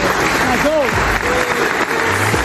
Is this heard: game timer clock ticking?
no